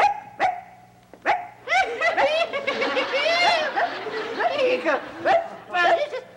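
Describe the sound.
A person's voice mimics a small dog's yappy barking, likened to a Chihuahua: a few sharp yips, then a rapid, squealing run of high-pitched barks, ending with a couple more quick yaps.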